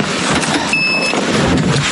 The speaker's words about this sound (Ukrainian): Детектор дронів не змовкає.